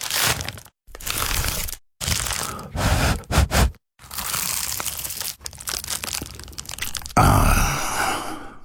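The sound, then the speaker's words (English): Crunchy, crackling bursts of the flaky pastry of an award-winning Dad's Pies pie being cut and bitten, separated by brief silences, with crisp crumbling textures and a final louder, sustained crunch. No one speaks. “That was the sound of an award-winning dad's pie.”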